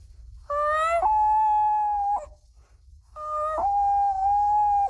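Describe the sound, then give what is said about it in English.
A 12-year-old boy imitates a common loon's wail twice: two long, loud, mournful calls, each stepping up in pitch and then holding steady, separated by a short pause over a low background rumble. “The common loon.”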